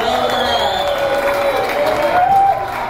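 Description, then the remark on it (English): A steady wash of audience applause and crowd noise, loud and continuous, with a faint sustained tone running beneath the clapping, given as a round of applause for Daryl Cherney. “Give Daryl Cherney a big round of applause.”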